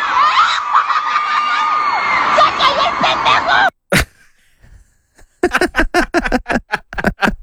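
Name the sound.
woman screaming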